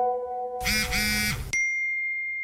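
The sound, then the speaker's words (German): Electronic phone notification tones play with no talking: a soft steady tone, then a harsh, buzzy synthetic chime lasting about a second, followed by a sustained high-pitched beep that rings on clearly. “Also klar, der Sound ist unterschiedlich.”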